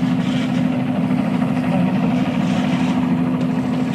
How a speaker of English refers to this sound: Obviously, it's a news helicopter overhead.